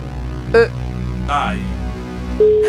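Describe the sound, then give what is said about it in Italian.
Two short electronic telephone ring tones, steady and pitched, sound about two seconds apart over a low background hum, with a brief burst of noise between them: a phone ringing in a call-in game where the answer must come within five rings. “5 squilli a disposizione, una sola grande parola dovete dire.”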